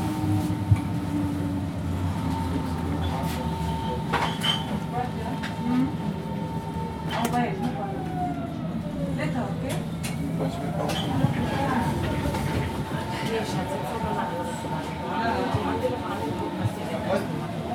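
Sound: S-Bahn commuter train riding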